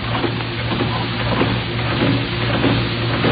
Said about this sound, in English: Pumping the air out of the room. Yes, that's clever, isn't it? You breathe, and soon there'll be nothing there to breathe